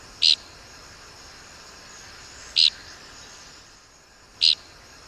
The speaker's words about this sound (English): We birders mostly find dickcissels by their distinctive flight call, which is invariably described as flatulent. You be the judge.